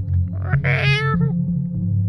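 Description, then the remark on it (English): A single drawn-out cat meow, rising then falling in pitch, sounds clearly up front over a steady low droning bass bed that continues throughout. “That's the sound it makes. That's the sound that I make.”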